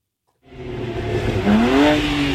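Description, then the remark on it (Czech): A modified car engine at an illegal Europe-wide car tuning meet on a parking lot in Zličín, Prague, starts up after a moment of silence and revs loudly, its pitch climbing steadily as it accelerates, with no talking. “Stovky lidí mezi upravenými auty, hluk motorů a nad parkovištěm policejní vrtulník.”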